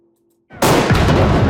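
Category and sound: impact, cannon salute firing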